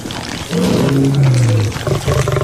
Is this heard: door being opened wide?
no